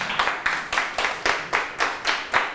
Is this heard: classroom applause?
yes